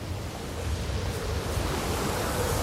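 A steady, broad rush of sea waves churning below, a continuous roar with slight swells in intensity and no voices, like surf heard from a height.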